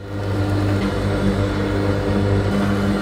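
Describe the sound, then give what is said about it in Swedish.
A quieter, more environmentally friendly electric lawnmower, the first electric model Umeå municipality is testing over the summer, runs steadily in Umeå, giving a continuous low whirring hum with a droning motor tone over a broad, even wash of cutting noise, with no talking. “En tystare och mer miljövänlig gräsklippare körs runt i Umeå.”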